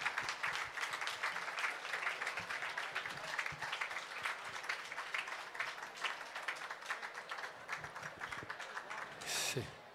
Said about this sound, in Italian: Vorrei fare un applauso, guardate che carini. I primi dipendenti della Peschiera.